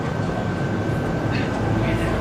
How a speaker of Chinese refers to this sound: 哦，我在地铁里，您说。